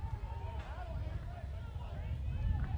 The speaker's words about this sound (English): You can probably hear the wind gusting here at the ballpark. It's been gusting all week. That's not a jet engine taking off. There are storms around that are producing wind here.